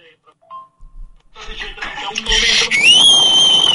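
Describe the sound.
A burst of rough, crackly noise gives way to a human whistle holding one high, bright note that bends slightly upward, with the thin, compressed sound of a phone voice message.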